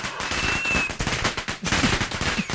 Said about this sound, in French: Alors non, là t'as appuyé sur le bouton feu d'artifice, t'en as un autre ?